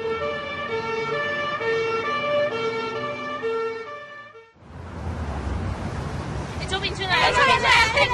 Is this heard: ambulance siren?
yes